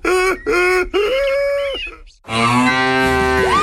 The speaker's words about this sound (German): Hallo Leute, ich bin's, euer Esel Erli vom Erlebnispark Steinau. Kommt mich mal besuchen, denn hier ist es herzlich hessisch und fröhlich familiär. Achtung, jetzt lacht der Esel.